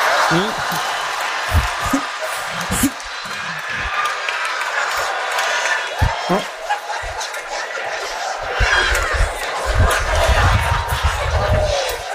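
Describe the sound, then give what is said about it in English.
A lively audience claps and cheers, a dense roar of many hands and voices that keeps going steadily with occasional louder bursts and thumps. “I said, oh, don't clap.”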